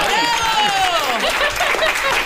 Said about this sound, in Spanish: Es verdad y no es verdad. Pues un aplauso. ¡Bravo!